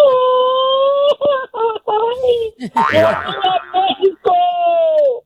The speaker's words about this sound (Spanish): Y tercer y último filtro para ganarse este par de boletos para la inauguración México-Sudáfrica en primera fila. Necesito que se aviente un grito bien mexicano que se escuche hasta su tierra, Guanajuato.